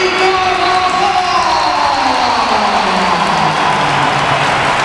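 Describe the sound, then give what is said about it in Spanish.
A large stadium crowd at a football match gives a loud, sustained ovation for Carvajal as he comes on, dense applause and cheering filling the space continuously with a broad, roaring wash of sound. “Esto es un aplauso.”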